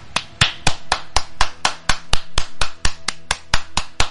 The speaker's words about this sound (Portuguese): Eu mesmo dou os aplausos aqui pra nossa gloriosa Polícia Militar do Distrito Federal, pra nossa Polícia Civil do Distrito Federal, que não suporta coisa errada.